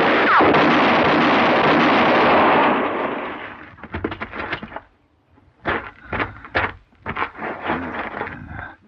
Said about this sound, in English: Mr. Paladin, he shot the horse.